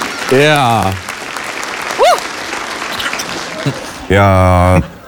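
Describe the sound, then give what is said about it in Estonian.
A steady patter of clapping fills the whole stretch, with a couple of loud, drawn-out vocal whoops or cheers rising above it and a short squeal in between. “see väärib aplausi .”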